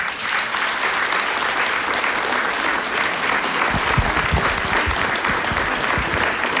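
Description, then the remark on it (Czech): An audience at a painting exhibition claps steadily for several seconds after starting hesitantly, a dense, sustained patter of many hands at fairly even loudness, with no voices standing out. “tak dejte najevo potleskem, jestli si myslíte, že by se jim to líbilo”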